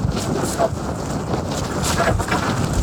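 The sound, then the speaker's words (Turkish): Strong gusting storm wind roars and buffets steadily across the whole stretch, loud, with rumbling low-end blasts like wind hitting an exposed microphone, at 5,138 metres on the summit climb of Mount Ağrı (Ararat), Turkey, in freezing cold. “Fırtınaya aldırış etmeyen gençler dondurucu soğukta yüzük takmayı da ihmal etmedi.”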